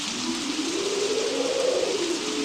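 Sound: rain falling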